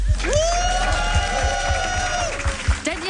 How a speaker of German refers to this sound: Ihr Campener und Campenerinnen dürft euch jetzt allen mal einen herzlichen, großen, fetten Applaus geben.